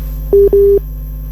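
Two short electronic beeps of a phone line tone after a caller's phone call from Pare-Pare drops, the second slightly longer, steady and mid-pitched over a faint low hum, with no voices.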